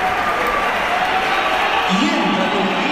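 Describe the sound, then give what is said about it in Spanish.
A dense crowd at the Bernabéu stadium, at Real Madrid's match against Real Oviedo, roars steadily, with thin whistles threading through and a low, droning wave of booing aimed at Kylian Mbappé swelling near the end, loud and sustained throughout. “Pitada, así, pitada.”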